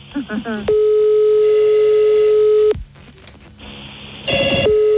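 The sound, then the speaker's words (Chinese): A steady electronic telephone line tone hums for about two seconds as a caller is put on hold and transferred to an outside line, falls silent, then returns near the end, with brief chirpy sounds and a voice-like murmur just before it starts. “我甲电话，我先保留啊，互外线，甲你服务吼，你莫挂吼。”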